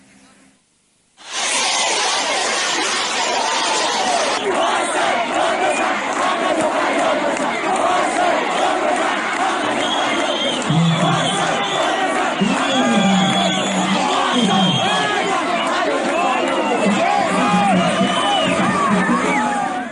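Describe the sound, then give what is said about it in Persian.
A large crowd of students in Khorramabad shouts and chants together at a protest over exam conditions, in front of the Lorestan education department, chanting "Student, shout, shout for your rights". Many voices blend into a loud, continuous roar that starts abruptly after a brief silence and keeps going steadily. “اونها شعار می‌دادند محصل داد بزن، حق تو فریاد بزن.”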